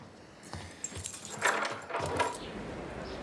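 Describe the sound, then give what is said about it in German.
Keys jangle and scrape in a lock, with a few metallic clicks and rattles over about three seconds as a door is locked. No one speaks. “Schließ die Tür ab.”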